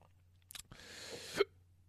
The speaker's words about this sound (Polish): O Jezu, mi się bekać chce się. Opiłem tego whisky, za dużo tego whisky wypiłem. Oj kurczę, sporo.